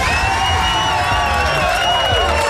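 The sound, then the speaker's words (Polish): A loud, steady burst of crowd cheering with clapping mixed in on Radio SK, for a family winning four-person invitations to Energylandia, many overlapping high voices whooping and shouting for a few seconds without a break. “Chyba nawet brawo!”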